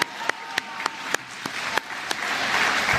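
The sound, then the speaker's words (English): A crowd of club kids responds with applause when asked to cheer. It begins as a steady rhythm of a few sharp claps, then swells into a dense, continuous wash of clapping by the end. “Let's give out a cheer.”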